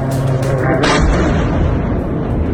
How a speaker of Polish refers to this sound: Ukraiński prezydent w mediach społecznościowych podzielił się nagraniami, na których widać eksplozje i rosyjskie zakłady w ogniu.